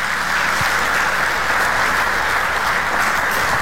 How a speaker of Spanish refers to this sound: Denle un aplauso al Rey de la Gloria otra vez.